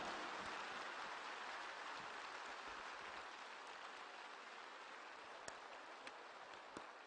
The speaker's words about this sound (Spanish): Aplausos a nuestra reina.